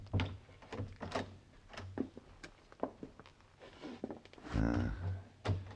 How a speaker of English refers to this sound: I think this is the door, Monsieur Paladin.